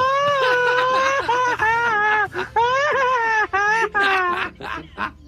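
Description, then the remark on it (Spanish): A man lets out a loud, high-pitched Mexican grito, a long sustained yell that breaks into rapid-fire staccato bursts near the end like a machine gun, unaccompanied. “Pero no haga usted el grito ametralladora.”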